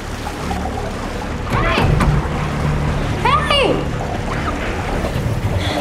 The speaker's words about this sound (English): She looks down and notices that water is starting to fill a glass box that she is trapped in.